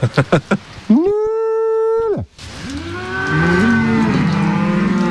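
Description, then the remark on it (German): Cows on an alpine pasture moo loudly, one long steady low call after a few quick knocking sounds, then another cow answers with a rising, wavering moo over a busy outdoor background. “Die Leute wollen das immer noch haben und kommen eben wegen diesen Kühen eben zu mir auf die Alm auch.”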